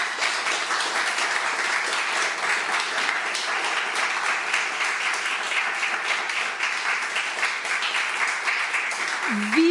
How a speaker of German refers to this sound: An diese tolle Runde einen großen Applaus, bitte.